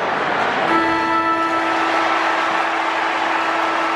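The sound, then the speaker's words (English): A steady, sustained end-of-game siren at an Adelaide football match, after Josh Rochelli's final set shot kick, starts abruptly and holds one pitch with bright overtones for several seconds, sounding over a constant wash of loud crowd noise. “The siren will sound.”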